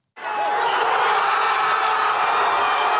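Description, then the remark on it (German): A loud, dense crowd of thousands of football fans roars and cheers continuously in the fan zone on Plaza Colón in central Madrid, Spain, after a late goal sends Spain into the World Cup semi-final; a sustained wall of many voices shouting together outdoors with no pauses, steady in volume throughout. “Der Jubel auf der Plaza Colón kennt keine Grenzen.”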